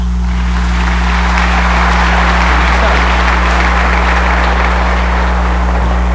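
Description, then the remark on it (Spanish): Sustained applause from a crowd at the sixth night of a novena to the Purísima de Macas, a steady crackling clatter of many hands lasting several seconds, heard over a loud, constant low electrical hum. “Un aplauso para todos.”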